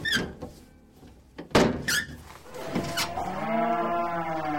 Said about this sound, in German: Doch man hatte sie offenbar noch nicht bemerkt, obwohl einige Kühe ihren Unmut lautstark kundtaten.